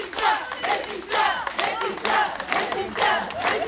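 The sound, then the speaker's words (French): About twenty members of the collective 8 mars toute l'année clap and cheer outside the courthouse in Digne-les-Bains as a woman leaves her trial, in loud, rhythmic bursts, with voices rising together in repeated waves roughly every second, sustained throughout. “Et comme chaque jour à la sortie du tribunal de Digne-les-Bains, une vingtaine de membres du collectif 8 mars toute l'année l'ont applaudi, cette fois plus longuement peut-être.”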